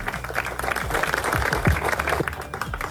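A crowd in Pancho Villa, Papantla, applauds the councillors of the Papantla town council steadily for about three seconds, a dense patter of many hands clapping at even loudness, with a few faint voices mixed in underneath.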